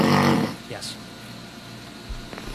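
A man snoring, played back from a recording: one loud, rasping snore at the start, then a quieter low rumbling breath with faint background noise.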